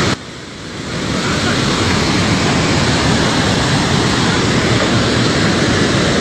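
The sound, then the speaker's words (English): A loud, unbroken roar of rushing floodwater from a dam that has not fully failed, a dense churning wash that swells in the first second and then holds steady throughout, with no voices. “The dam itself hasn't fully failed.”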